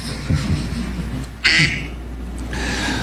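A man's phone ringtone of a duck quacking goes off in the middle of a press conference, with a few short nasal quacks repeating at intervals over a steady murmur of room noise.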